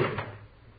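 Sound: closet door being opened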